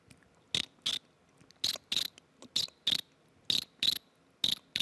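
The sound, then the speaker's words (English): A person imitates a cricket by grinding their teeth, using only the friction of the teeth without mouth pressure or sucking in, producing sharp raspy chirps in regular pairs, about five double bursts in quick rhythm, fairly loud with silence between. “It's like a cricket sound, you know?”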